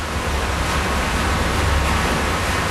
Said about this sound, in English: That is the sound of the water from the artificial glaciers reaching this village in this huge underground reservoir.